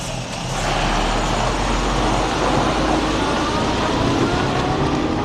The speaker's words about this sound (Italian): Il proxim camion vegn, ed eu continuesch il mia spasegiada in direzione Blatten.